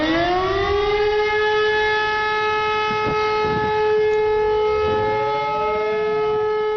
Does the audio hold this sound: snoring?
no